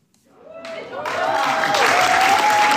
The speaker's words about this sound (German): Tosender Applaus für das Jugendtheater im Kulturverein Plattenlase im Wendland. Romeo und Julia am Arsch der Welt.